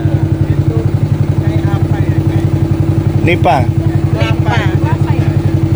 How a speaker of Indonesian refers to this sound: Sejumlah wisatawan lokal dan mancanegara sedang asik menikmati keindahan kawasan Ramang-Ramang sambil menelusuri sungai dengan menggunakan perahu motor.